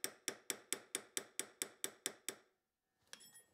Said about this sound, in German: Auf verschiedenen Ringriegeln, von quadratisch bis rund, schmiedet Markus Eckert mit einem Goldschmiedehammer die Ringe Schritt für Schritt in ihre runde Form. Dazu benutzt er einen Hammer mit abgerundeter Finne, um möglichst keine Kante zu erzeugen.